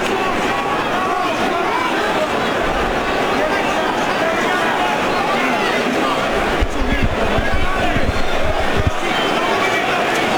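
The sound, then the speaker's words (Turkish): A large boxing arena crowd cheers and roars without pause, urging on Anthony Joshua in his fight against Vladimir Klitschko, a dense, loud wash of voices that swells briefly partway through, with a few dull low thumps underneath. “Taraftar yüreklendirmek istiyor Joshua'yı.”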